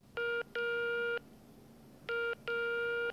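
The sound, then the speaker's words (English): Telephone keypad dialing tones of someone dialing 12345, the Beijing citizen service hotline, beep in two pairs, each a short tone followed by a longer one, clear against a quiet background with no talking. “So, one day she picked up the phone and dialed 12345.”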